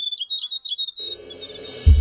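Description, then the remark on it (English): A grey warbler's song on RNZ National: high, thin wavering, trilling notes sound alone for about a second, then carry on faintly over a rising low musical rumble that ends in a deep thump. “Riddle Riddle, The Grey Warbler, RNZ National.”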